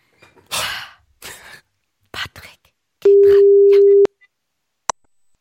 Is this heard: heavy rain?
no